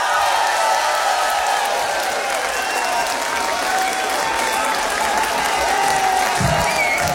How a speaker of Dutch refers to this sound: Maak een heel hard applaus voor …!